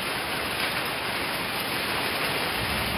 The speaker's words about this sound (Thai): ลูกเห็บตกจมมุมหน้าบ้านโซนลาดพร้าวเหมือนกันอะไรไม่เคยเห็นก็ได้เห็น บอกฝนลูกเห็บตกที่หน้าบ้านหน้าต่างเนี่ยคือเหมือนมีคนปาหินตลอดเวลาค่ะ มันเยอะจริงๆนะ ใช่อ่ะรัวๆ